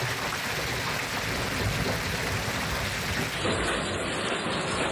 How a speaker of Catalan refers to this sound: Pendents encara de les tempestes que descarreguen amb força el Pirineu i el Prepirineu, sobretot a l'Alt Urgell i la Cerdanya, i també al Camp de Tarragona i al Penedès.